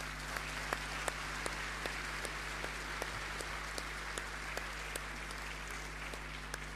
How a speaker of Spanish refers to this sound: ¿Quién tiene más de cuatro? Miren, hartas mamás con hartos hijos. Le damos un aplauso igual.